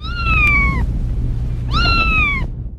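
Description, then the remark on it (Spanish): A cat meows twice, two clear drawn-out cries separated by a short pause, over a low rumbling background hum. “Afortunadamente no lo lograron, el gato está bien.”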